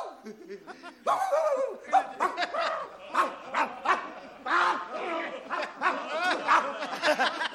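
A run of repeated bow-wow barks in quick, uneven bursts, mixed with snickering laughter, filling the whole stretch at moderate loudness.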